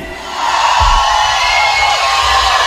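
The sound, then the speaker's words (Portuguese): A large crowd of singles shouts and cheers loudly, a dense, continuous roar of many voices with scattered whoops that swells just after the start and holds steady to the end. “Cadê o grito dos solteiros hoje aqui?”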